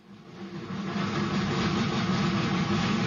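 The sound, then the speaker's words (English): A heavy, rumbling, chugging steam locomotive engine swells up within the first half second, then holds a loud, steady mechanical roar, with no voices. “It began with two chugging steam locomotives, school car number one and school car number two.”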